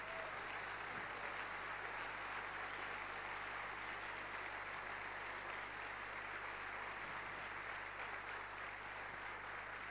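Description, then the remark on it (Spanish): Sustained applause from a large crowd, given to Jesus Christ, fills the space for about ten seconds, a steady dense clatter of many hands clapping at once with no speech over it. “Vamos a dar un fuerte aplauso a Jesucristo.”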